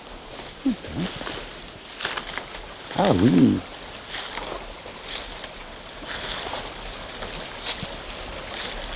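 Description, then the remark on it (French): A small stream flows steadily through the vast, plant-filled forest of Gaylord, its soft, continuous trickle filling the scene, while a voice briefly speaks over it partway through. “Ici, les plantes et la nature nous submergent. Le petit ruisseau.”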